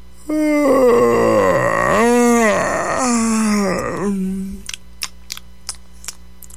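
A long, deep, slow, drawn-out yawn with a rising and falling moan, deliberately exaggerated, followed by a few faint clicks as it trails off.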